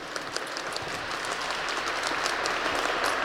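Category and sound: crowd, audience applauding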